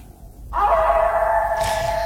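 A wolf howls in one long, loud, steady note that begins after a brief quiet moment and holds through to the end, with no one talking.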